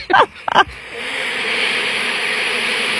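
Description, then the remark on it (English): A dense, steady drone of many bees buzzing together at a house, where they had just arrived, holding a constant hum from start to end, with two brief voice-like bursts at the very beginning. “These are bees.”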